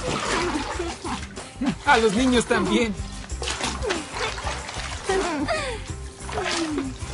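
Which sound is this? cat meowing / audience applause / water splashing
water splashing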